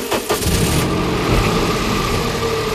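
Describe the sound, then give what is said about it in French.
A car engine runs steadily, a loud continuous rumble with a brief rougher burst at the start, as if just turning over, then settling into an even idle. “J'entends le moteur.”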